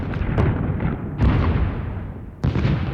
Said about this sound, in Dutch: Zo klinkt een bombardement.